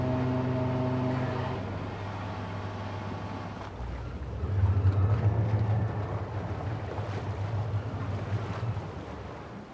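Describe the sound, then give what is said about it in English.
Two boat engines run steadily, a droning harmonic hum that shifts into a deeper, louder rumble partway through, with wind and water noise around it and no talking. “Yeah, I got 2 engines. Some people have 4, you know.”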